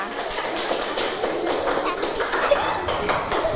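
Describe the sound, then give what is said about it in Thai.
A group of children clapping their hands for a group of classmates after their role-play, a dense, steady patter of many overlapping claps lasting a few seconds, with faint voices mixed in beneath. “เก่งมากๆเลยค่ะปรบมือให้กับเพื่อนกลุ่มนี้หน่อยค่ะ”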